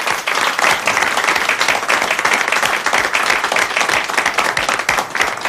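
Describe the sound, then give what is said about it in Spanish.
A crowd applauds loudly and steadily for several seconds, dense overlapping claps at a constant level without pause. “Bueno, sí, le damos ese fuerte aplauso.”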